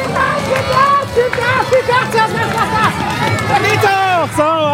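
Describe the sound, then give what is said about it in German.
Spectators cheer loudly at the finish of a children's balance-bike race on the market square in Borken, a dense crowd of excited shouts and high-pitched children's voices overlapping continuously, energetic throughout. “Sie feuern hier an, warum?”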